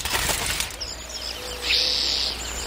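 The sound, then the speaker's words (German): A quick flurry of wingbeats as a raven takes off carrying a piece of silver paper in its beak, followed by high, thin birdsong chirping in the background. “Er nimmt das Papier in den Schnabel und fliegt davon.”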